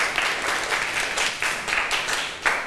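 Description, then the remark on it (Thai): A group of students in a class on Buddha image postures applauds themselves for a correct answer, a dense, steady patter of many hands clapping at once with faint surges, sustained for a few seconds with no voices over it. “ถูกต้องค่ะนักเรียนเก่งมากปรบมือให้ตัวเองหน่อยค่ะ”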